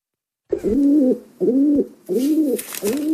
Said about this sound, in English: Yeah, it's a pigeon.